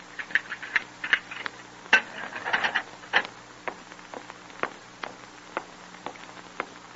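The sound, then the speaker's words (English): Hard, hollow footsteps approach down a long, stone-flagged corridor leading to a cell, a steady series of sharp clicking steps with a few faint rattles between them and no voices. “And one night, quite late, Jim hears the clanging of the outer gate and hollow ring of footsteps approaching down the long, stone-flagged corridor leading to his cell.”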